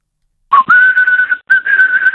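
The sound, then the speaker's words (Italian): A person whistles two long, steady notes separated by a brief pause, with a quick upward slide at the start. The sound is thin and narrow, like whistling heard over a phone line. “Come sei messo a fischi?”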